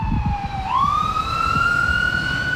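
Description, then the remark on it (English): A loud emergency siren wails over steady street traffic on 20th Street, its tone dipping then rising in a long sweep, with engine rumble and passing vehicles underneath throughout. “Yeah, maybe we'll just go down a little bit over there, just so we're a little bit away from the traffic and stuff.”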